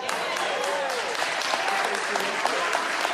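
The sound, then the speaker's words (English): A crowd applauds steadily, a dense wash of many hands clapping at once with scattered sharper claps and faint voices mixed underneath, sustained and fairly loud throughout. “Oh, I got, let's see how good you clap now.”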